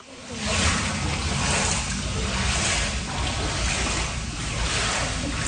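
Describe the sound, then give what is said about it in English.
Water sloshes and churns steadily in a flooded basement in Ottawa after a record-breaking rainstorm, a loud, continuous wash of splashing noise with a low rumble underneath, holding for several seconds without any voices. “Pools of water sloshing around flooded basements has been a constant source of worry for residents hit hard by the Canada Day storm.”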